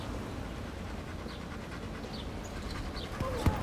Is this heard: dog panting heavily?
yes